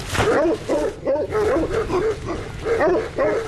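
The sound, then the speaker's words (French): Several large patou livestock guard dogs bark repeatedly and loudly, deep overlapping woofs in an irregular chorus with brief gaps, the barking continuing throughout. “Est-ce que vous pouvez me montrer vos patous? Pas de souci. On peut faire un petit tour? Ils vont aboyer.”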